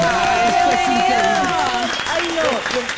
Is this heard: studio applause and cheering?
yes